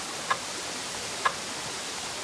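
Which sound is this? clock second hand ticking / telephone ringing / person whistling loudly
clock second hand ticking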